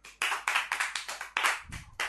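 A group of children claps loudly for a child who has just recited a poem, a burst of dense, overlapping hand claps with a rough, uneven rhythm that pulses several times before fading. No one speaks over it.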